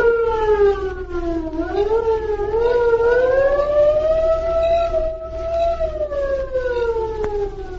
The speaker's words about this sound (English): There they waited until the distant air raid siren sounded.